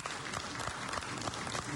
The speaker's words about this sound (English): Thank you. Please, you can do better. A round of applause.